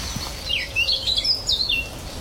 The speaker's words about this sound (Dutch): Wie horen we hier, Joris? Een zwartkop, onder andere. Dat harde, hè? Even luisteren. Dat is een zwartkop.